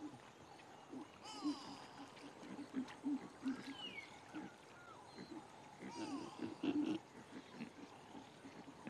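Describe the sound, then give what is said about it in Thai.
Low snorts and grunts come in uneven bursts, a contented wild boar rooting and wallowing in mud in a daytime mud bath against the summer heat, while birds chirp and whistle faintly in the background. “เสียงทางจมูกที่แสดงความพอใจสปาตอนกลางวันของหมูป่านั้นเป็นการบำบัดและสนุกมันดีที่จะสู้กับความร้อนในหน้าร้อนและโคลนก็ทำให้ผู้มาเยือนต้องรำคาญ”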